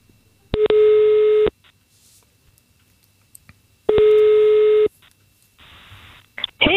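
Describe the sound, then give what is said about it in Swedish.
Two long electronic telephone ringing tones, about a second each with a pause between, sound clearly while a call to a woman goes through, followed by a brief rustle as the line picks up. “Vi ska testa att ringa upp henne.”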